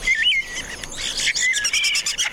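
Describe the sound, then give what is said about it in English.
A northern mockingbird sings a rapid, varied string of bright, high whistles and chirps, shifting phrases every fraction of a second with no pauses and no voices. “That's part of the repertoire of the northern mockingbird, one of several birds that mimic.”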